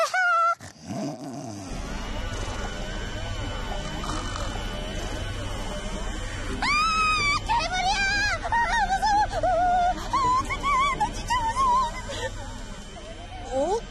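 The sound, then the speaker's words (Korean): A washing machine and vacuum cleaner running together in a home: a steady, loud rumbling drone with a wavering, rising and falling whine on top, echoing so it sounds almost like a growling monster. “우리 집에서 나는 세탁기와 청소기 소리예요.”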